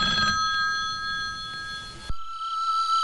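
A telephone rings with a steady, bright electronic trill that holds for about two seconds, then cuts off abruptly, leaving a faint, thinner ringing tone behind. No one speaks.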